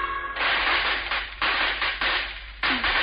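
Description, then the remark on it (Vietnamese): Wedding firecrackers crackle and burst at the royal palace in a dense, continuous string of sharp pops, with several louder bangs spaced across a few seconds, fairly loud and steady, with no voices. “Thao cưới đã bắt đầu nổ rộn phía hoàng cung.”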